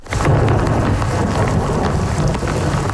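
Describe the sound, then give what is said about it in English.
A heavy downpour from an overnight thunderstorm on the island of Montreal pours down steadily and loudly, a dense continuous hiss with a deep rumbling low end, unbroken from start to finish. “The severe downpour led to the closure of multiple roads and highways in and around the city.”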